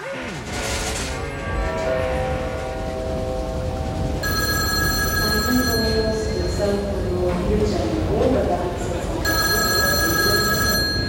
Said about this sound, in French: Le 27 novembre 73. J'ai reçu un coup de téléphone sur mon fixe me disant « On est à l'aéroport, est-ce qu'on peut venir habiter chez toi ?» Et c'était Malcolm avec les ….